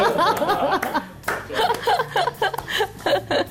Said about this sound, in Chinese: 我要给你拍拍手。